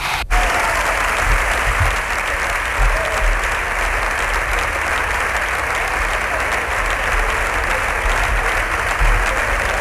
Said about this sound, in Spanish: Aplauso de la bancada del Partido Popular a la primera intervención de Feijóo, que ha concluido con ese ánimo, Pedro.